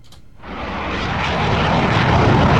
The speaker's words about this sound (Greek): Το F4 Phantom της ελληνικής πολεμικής αεροπορίας σχίζει τον ουρανό της Φλωρέν στο Βέλγιο.